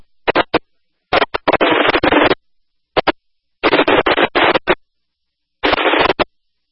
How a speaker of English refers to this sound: These males possibly lighting off fireworks.